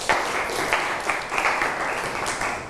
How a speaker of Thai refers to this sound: ครับปรบมือเพื่อนหน่อยครับ